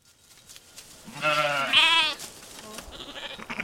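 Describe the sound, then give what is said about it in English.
A Churro sheep, part of a flock herded by Navajo weavers up the Carrizo Mountains near the Four Corners to a summer sheep camp, lets out a loud, wavering bleat, followed by a second shorter bleat, with a rustling outdoor background and faint other animal sounds. “Navajo weavers are bringing a flock of Churro sheep up the mountains to a summer sheep camp on top.”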